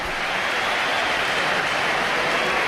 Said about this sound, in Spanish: Bueno, ¿hay división de opiniones? ¿O? Hay aplausos para Hugo Duro, yo creo.